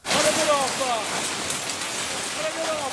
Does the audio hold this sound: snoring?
no